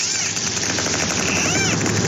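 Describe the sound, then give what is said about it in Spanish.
Dolphins recorded underwater from a submarine: a dense, rapid crackle of clicks runs throughout, with several high, arching whistles sliding up and down over a steady hiss. No one speaks. “Bueno, esto es ruido biológico que hemos grabado, es una serie de delfines.”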